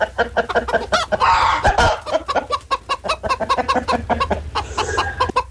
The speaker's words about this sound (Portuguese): O galo tá com cãibra aí?